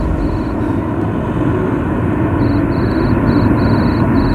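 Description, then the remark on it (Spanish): A school recess bell rings in high, shrill bursts, heard from out on the street, starting briefly and then repeating in a quick run of pulses, all over a steady, loud rumbling noise like traffic or an aircraft engine. “El grillo suena, lo aprecian ustedes porque ya estamos en la calle, es el recreo, está tasado, son apenas 7 minutos, no mucho más.”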